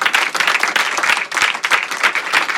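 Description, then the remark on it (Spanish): Sustained applause from an audience for the president, a dense steady patter of many hands clapping at once, loud and continuous with no voices breaking through, lasting until he asks for it to stop. “Pues se produjo el aplauso hasta que pidió por favor que cesara para decir a continuación esto que vais a oír.”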